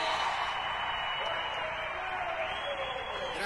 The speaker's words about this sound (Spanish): ¡Un aplauso grande!